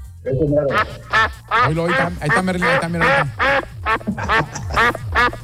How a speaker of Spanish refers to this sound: Ahí está Merlín. El pato, ¿sí lo has visto en redes? El pato más viral.